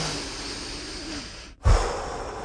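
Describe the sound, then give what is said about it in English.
A long, steady inhale through the nose as part of a calming breathing exercise on a radio show before a traffic report, a brief pause, then a louder, forceful exhale begins. Breathy, with no talking. “It's time to do the Daily Road Report, so let's do our breathing exercises before we do that.”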